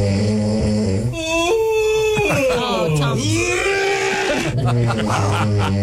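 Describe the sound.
Loud, throaty snoring mixes with a drawn-out yawn whose pitch dips low and then rises again. Other voices overlap throughout, and the whole stretch sounds strained and howl-like.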